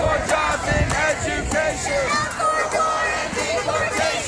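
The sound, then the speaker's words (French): A loud, dense crowd of protesters shouting and chanting together outside a hotel, with sharp rhythmic bursts and constant babble, continuous throughout. “Après 2 heures de boucan, l'ICE tente une sortie. La foule réplique en lui lançant des casseroles et des boules de neige.”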